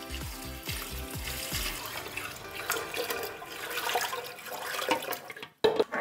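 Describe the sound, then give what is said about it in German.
Warm water is poured steadily into a pressure canner holding jars set on spacers, a continuous splashing rush with a few hollow thumps at the start, ending abruptly. No one speaks. “Wasser rein, nicht vergessen, warmer Inhalt, warmes Wasser.”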